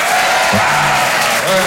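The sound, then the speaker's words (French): A crowd in the hall at a Rire et Chanson show applauds steadily as a performer is introduced, a dense wash of clapping hands filling the whole clip, with a faint voice briefly audible beneath the noise. “Bonsoir, applaudissements, vous allez bien ?”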